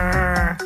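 A rockfish gives a short, loud croaking grunt, a buzzy, bleat-like call with a few rough pulses in quick succession, with no talking.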